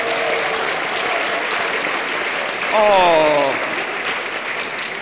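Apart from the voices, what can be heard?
audience clapping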